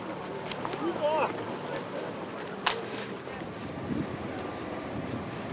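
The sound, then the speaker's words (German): Two outboard motors churn steadily on the Elbe river, braking a raft, a continuous rumble mixed with rushing water and wind buffeting the microphone, with indistinct voices briefly in the background. “Sie halfen als kleinen Ersatz der Marco Polo, um das Floß auf der Elbe auszubremsen, gemeinsam mit unseren beiden Außenbordmotoren.”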